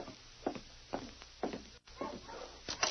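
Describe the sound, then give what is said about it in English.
A sled dog team arriving with travelers barks in a steady series of sharp yelps about every half second, several dogs overlapping, somewhat muffled, with no voices. “Hey, listen. Dogs.”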